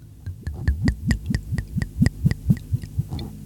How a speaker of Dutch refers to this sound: Mag ik hem inschenken? Ja, graag.